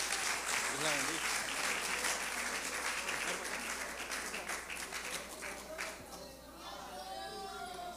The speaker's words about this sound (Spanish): Dile un aplauso al Señor y recibamos con un aplauso a nuestra hermana.